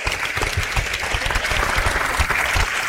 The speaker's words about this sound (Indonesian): Baik, terima kasih. Boleh tepuk tangan adik-adik dan juga Bapak Ibu.